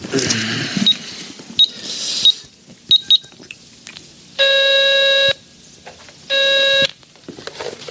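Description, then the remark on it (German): Several short, sharp beeps of payphone keypad tones sound as a number is dialed using a phone card, then two longer, steady buzzing tones ring out in a separated pair. Nobody speaks. “können wir doch wenigstens mal anrufen und fragen, oder? Wenn du meinst. Hier, nimm meine Telefonkarte.”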